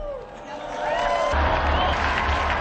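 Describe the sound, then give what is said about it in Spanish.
An audience breaks into applause in tribute to Blessed Pedro Fabro and Saint Eusebius of Vercelli, dense clapping swelling and growing louder after a moment, with scattered voices and cheers mixed into the steady roar. “Unidos, pues, a la Compañía de Jesús y a la Iglesia de Italia, brindemos nuestro vivo aplauso al beato Pedro Fabro y a San Eusebio de Vercelli.”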